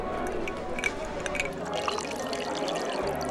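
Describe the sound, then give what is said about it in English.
Water pours steadily into a pint glass for a few seconds, a pint of water with ice, a continuous splashing fill, with a murmur of background voices underneath. “Can I grab a pint of water with ice, please?”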